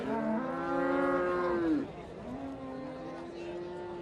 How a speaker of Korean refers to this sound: 와, 저기 새끼 송아지도 있어요. 이 소는 우리나라 황소하고 많이 닮았어요.